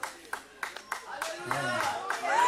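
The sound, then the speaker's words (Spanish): At a church service, people clap for the Lord: a few sharp, rhythmic hand claps ring out at a steady beat, then fade under rising voices as people start talking and calling out over the last claps. “¿Alguien se une a él a darle un aplauso al Señor?”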